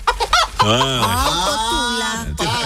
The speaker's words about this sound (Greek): Κοτούλα.